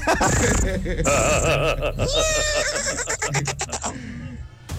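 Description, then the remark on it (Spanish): A person's voice imitates a foal's whinny crossed with a cat, a high, wavering, quavering neigh repeated in shaky bursts, loud, with laughter-like breathy sounds mixed in. “Mi talento oculto es, Tropicana, ser un caballo.”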